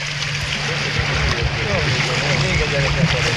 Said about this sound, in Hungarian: Most nagyon megy. Jó, jó gyorsul a hajó.